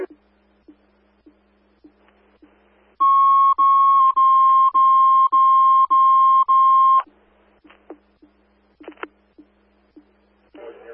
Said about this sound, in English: A15, place in tones for station coverage.